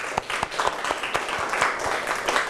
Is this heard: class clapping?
yes